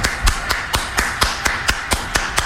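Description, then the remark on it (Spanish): Applause heard as sharp, steady claps in an even rhythm, roughly five per second, fairly loud and crisp with no voices over it; an audience at the show Mini Conciertos applauding a singer. “Cómo no, venga el aplauso para mi compa ….”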